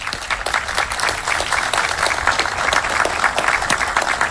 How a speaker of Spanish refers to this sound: contó con la gran ayuda y el apoyo constante de todos los médicos y de todo el personal de salud, para quien pido un gran aplauso.